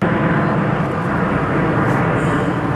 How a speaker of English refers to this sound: The plane streaked across the skies over Moose Jaw, performing some of their signature maneuvers that have thrilled audiences for decades.